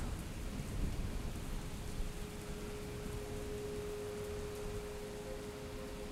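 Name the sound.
rain with thunder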